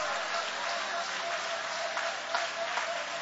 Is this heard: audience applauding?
yes